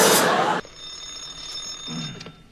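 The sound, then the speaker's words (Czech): A telephone rings at the dispatcher's desk of the Nimroda national enterprise with a steady, high metallic tone after a short loud burst of noise, clear, with a faint murmur of voices underneath. “Ano, ano, u telefonu dispečer Kňourek.”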